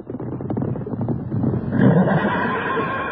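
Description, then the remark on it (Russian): A horse neighs loudly, a drawn-out, shaky whinny that swells midway and lingers to the end, with no talking. “Русский офицер убачил нас и пахнул своего шерга скакуна.”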